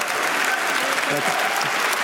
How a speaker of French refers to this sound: Et il prend son temps pour démarrer son discours. Le Polonais largement applaudi.